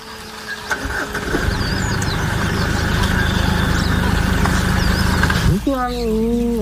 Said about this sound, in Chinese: 叟猫的低吼是对猎豹的警告。两只猫科动物都不肯让步。